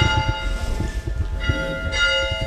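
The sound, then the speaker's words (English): A man rings the large bell of a historic one-room schoolhouse next to a cemetery; its strokes swing in a steady rhythm with long, overlapping metallic resonance that hangs in the air, with no talking. “He rings the school bell.”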